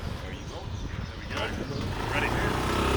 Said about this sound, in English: On a quick motorbike tour of the area,